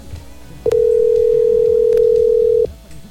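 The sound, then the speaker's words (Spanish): A loud, steady telephone dial tone hums for about two seconds as the Bésame station host dials a possible contest winner, with a couple of brief clicks over a low background murmur; no distinct dialing beeps stand out. “Por acá vamos a marcar de una vez.”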